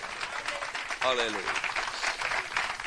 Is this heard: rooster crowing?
no